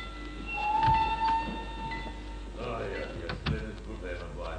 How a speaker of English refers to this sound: The train arriving at platform 2 is for passengers to Béziers, Montpellier, set Palavas and Milan. Platform 2. The train is entering the station.